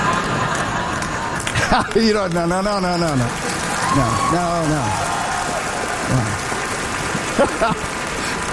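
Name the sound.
scattered applause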